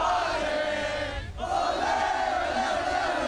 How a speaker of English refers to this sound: A crowd of about 8,000 Socceroos supporters were packed into the South Bank Cultural Forecourt for the midday game. Fans were chanting and cheering throughout the match, even without an Australian goal.